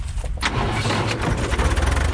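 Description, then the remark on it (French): A small tractor driven by a Greek citrus farmer among his orchards in the Peloponnese runs steadily, a continuous low, throbbing engine rumble with a rattly, noisy edge throughout, and no one speaking. “Au volant de son petit tracteur”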